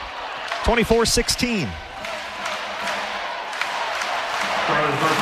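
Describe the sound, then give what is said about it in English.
A large crowd at a volleyball match at Peterson Event Center chants "let's go Pitt" in unison for a second or two, then settles into a steady roar of murmuring and cheering that echoes through the arena. “Nice crowd here at Peterson Event Center. Chance of let's go Pitt.”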